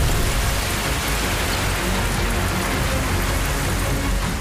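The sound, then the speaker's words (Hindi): Heavy rain pours down steadily for the whole stretch, so hard that water gets into shops and homes in many places, a dense, loud hiss of drops hitting surfaces with no pauses and no voices. “बारिश इतनी तेज हुई कि कई जगह दुकानों और घरों में पानी घुसने की नौबत आ गई।”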